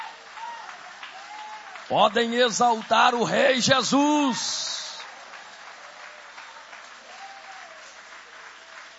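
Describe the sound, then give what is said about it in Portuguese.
A church audience applauds God steadily, a dense wash of clapping that continues for the whole stretch, while a man's voice speaks loudly over it for a few seconds near the middle. “Pode tomar o vosso assento, guarda a Bíblia com carinho e podem aplaudir a Deus com alegria.”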